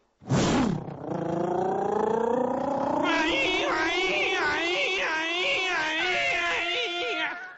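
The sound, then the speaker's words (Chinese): A man's voice imitates a police siren: a sharp burst, then a long howling wail that climbs steadily before warbling up and down in rhythmic swoops, loud and strained, almost like a dog's howl. “你这哪是警笛叫唤呢？整个一个警犬叫唤呢！”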